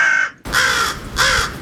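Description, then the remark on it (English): Three harsh, raspy crow caws ring out loud, evenly spaced with short pauses between them, and no voices or other sounds around them. “If you need some inspiration, here are some actual crows.”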